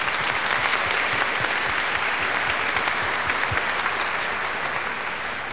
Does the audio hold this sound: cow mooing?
no